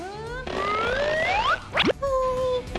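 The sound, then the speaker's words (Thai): A toy fly tossed at the mouth of a little frog insect-eating tabletop game bounces back out with springy, boing-like rising tones and one quick, bright sliding bounce in the middle, fairly loud, with no talking. “ทำสิ เฮ้ยได้ไหมเนี่ย อีกนิดเดียว มันกระเด้งออกมา”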